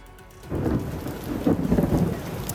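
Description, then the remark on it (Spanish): A thunderstorm: a deep, rolling rumble of thunder swells up after a quiet start and keeps growling over steady falling rain, loud, with no voices. “Esa tormenta eléctrica obligaba a cancelar el último entrenamiento de la selección”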